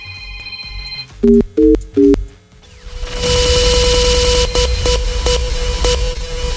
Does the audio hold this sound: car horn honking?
no